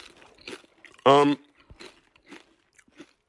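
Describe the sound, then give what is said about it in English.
A crisp Miss Vickie's kettle-cooked potato chip, black truffle and Parmesan flavour, crunches loudly in one sharp bite, followed by a string of quieter, irregular chewing crunches. “So Miss Vicky's great crunch, always. That's my favorite part of the Miss Vicky's potato chip.”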